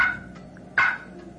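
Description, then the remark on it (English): Two short, sharp wild turkey clucks, single notes made by both hens and gobblers, produced on a box call, one right at the start and another just past the middle, clear with no talking. “That's a cluck.”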